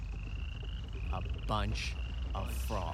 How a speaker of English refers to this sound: A bunch of frogs.